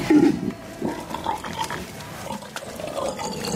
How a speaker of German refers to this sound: Die wilden Schweine.